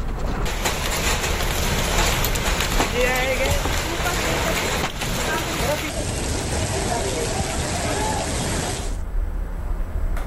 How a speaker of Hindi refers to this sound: हरियाणा के रेवाड़ी में भी ऐसे ही तस्वीरें निकलकर सामने आई जहां पर जमकर ओले गिरे। इतने मोटे ओले गिरे कि लोगों ने हाथों में उठा लिए। बारिश और ओले गिरने से मौसम यहां पर खुशनुमा हो गया और तापमान में भी यहां पर गिरावट दर्ज की गई।